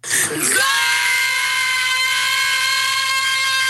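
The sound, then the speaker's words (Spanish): Children shouting "goal" celebrating Argentina's win, a loud, drawn-out cry that rises sharply and then holds one steady, piercing note for several seconds. “Están gritando gol.”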